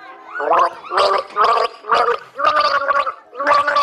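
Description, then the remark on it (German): Someone gargles the German children's song "Alle meine Entchen" in a song-guessing game, the bubbling voice rising and falling through a series of short sung notes in a steady rhythm, loud and alone without talking. “Bitte schön, nimm einen Schluck, du bist dran.”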